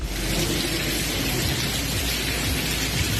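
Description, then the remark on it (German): Water pours and splashes steadily inside a university building, the TU in Berlin, like a small waterfall, a dense continuous rushing hiss with a low rumble underneath, loud and unbroken throughout with no voices. “Klingt, als wäre es ein kleiner Wasserfall, ist aber im Unigebäude, sollte da natürlich beim Studieren überhaupt nicht der Fall sein.”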